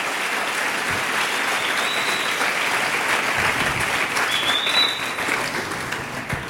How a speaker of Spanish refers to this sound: Pero eso, dele un aplauso fuerte al Rey bendito.